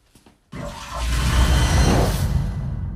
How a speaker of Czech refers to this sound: Co s ní teď uděláš? Tohle. Teď už spláchnu.